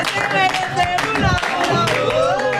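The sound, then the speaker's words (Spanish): A crowd applauds steadily, dense clapping blended with cheering and overlapping voices, loud and continuous for the whole stretch. “Un gran aplaudiment, moltíssimes gràcies.”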